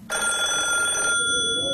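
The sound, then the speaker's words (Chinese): A telephone bell rings out loudly and abruptly in a building, a sustained bright metallic trill that starts suddenly and continues for over a second before fading slightly. No one speaks. “电话铃声猛地在一个楼里骤响。”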